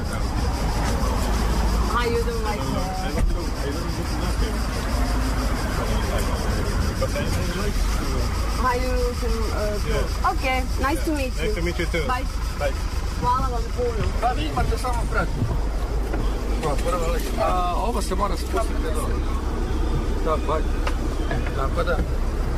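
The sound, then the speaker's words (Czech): A shuttle bus drives near Fažana with a steady, low engine rumble and road noise filling the background, while several people talk over it throughout. “Vozač, znači ovoga šatlu busa.”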